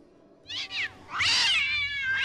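Cats meow loudly and close by: a short two-part meow, then a long drawn-out, wavering yowl, with another meow starting at the end. No one speaks.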